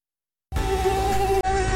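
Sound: mosquito buzzing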